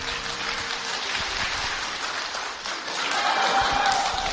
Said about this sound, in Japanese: はい、皆さん、温かい拍手ありがとうございます。